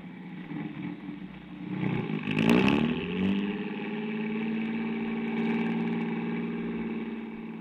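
A car engine revs up and then settles into a steady drone as the vehicle drives along, loud, with no voices over it.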